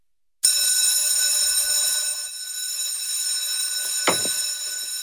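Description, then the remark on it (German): A loud electric school bell rings continuously through the school classrooms in Wald in August, with a harsh metallic jangle, starting abruptly and sustaining throughout, with a brief thud or knock near the end. “Wenn die Glocken im August also wieder durch die Waldner Schulzimmer dröhnt, heisst es für die Schüler wieder Handy weg.”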